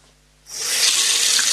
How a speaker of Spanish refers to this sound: Abres la llave, sale agua. Parece algo natural, ¿verdad?